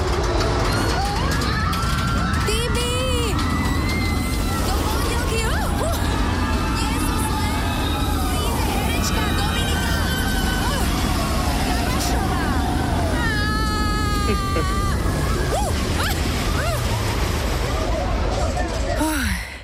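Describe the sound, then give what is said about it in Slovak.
A voice message recorded on a roller coaster: a loud, continuous jumble of many people screaming and shrieking, with one voice shouting over the din and a rushing, wind-like roar underneath throughout. “Ale vynikajúci nápad dostala, že rovno, keď už bude na tej horskej dráhe, tak mi aj nahrá hlasovku. A chápete, že to nie je úplne najmudrejšie, lebo všetci vám tam kričia.”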